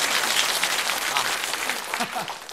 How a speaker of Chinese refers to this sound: 好嘞， 大家为我鼓掌， 给他鼓掌啊。